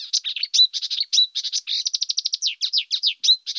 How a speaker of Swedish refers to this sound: kärrsångare då, till exempel, som är en nära släkting till busksångare, är en art som kör i ett räsetempo, mer eller mindre.